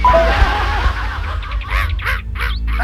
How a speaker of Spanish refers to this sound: El guairao sale ahí donde está el puente, ¿eh? Cuando uno pasa en la noche, de repente entre medio de las moras, de ahí sale el guairao. El guairao es un pájaro, ¿es? Así como el pelícano.